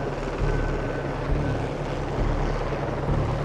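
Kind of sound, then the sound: vehicle, helicopter flying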